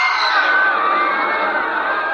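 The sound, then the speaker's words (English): A huge crowd of thousands roars in terror, a dense wall of many shouting and screaming voices held at a steady, loud level for about two seconds without any single clear voice standing out. “I heard the terrified roar of thousands of throats, and I knew it was death.”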